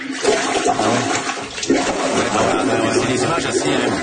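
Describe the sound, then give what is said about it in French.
Water backflow gurgles and churns up through a toilet bowl during heavy rain as the drains overflow, in a steady, loud rush, with bubbling bursts and sloshing surges lasting the whole few seconds. “Écoutez bien le son, c'est impressionnant, c'est le retour d'eau.”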